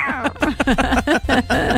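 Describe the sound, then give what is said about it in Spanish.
A person imitates a cat with a quick run of about six short, whiny meows, each sliding up and down in pitch, fairly loud. “Oye, qué bien lo imitas.”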